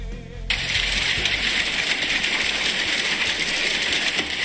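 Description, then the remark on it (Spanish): Hail falls steadily, a dense, loud clatter of countless small hard impacts that starts abruptly after a brief pause and keeps up without letting up, with no voices. “Me encanta el sonido del granizo. Escucha.”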